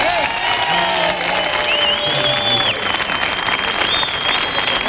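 Loud, sustained applause from an audience, dense steady clapping with a few whistles and faint cheers mixed in throughout.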